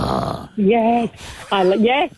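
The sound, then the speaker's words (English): A person imitates a Staffordshire terrier with two gruff, voiced woofs, each about half a second long and separated by a brief pause, rough and throaty in tone. “And if it's like a staffy, it's like...”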